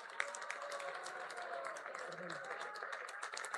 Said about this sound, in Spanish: Y bueno, saludamos también, a la maestra Giselle Liliana Llamas Ibarra, director general del ICEA. Un aplauso, por favor.